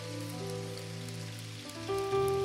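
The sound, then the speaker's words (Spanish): A crowd at a Christian worship service claps to God steadily in a dense, crackling wash of applause, carried over sustained keyboard chords that shift and swell louder near the end. “Alguien aplauda a Dios por eso.”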